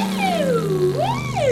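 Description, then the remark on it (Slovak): A voice imitates an ambulance siren, a loud wailing tone that swoops down, rises, then falls again over a steady low hum, with no talking alongside. “Rýchlo, urobte záchranku.”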